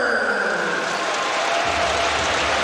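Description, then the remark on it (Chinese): Steady wash of applause and crowd noise filling a large basketball arena, applauding Tucker after he drew a foul, loud and continuous throughout, with no clear voices standing out. “看球旗造成犯规，掌声送给塔克。”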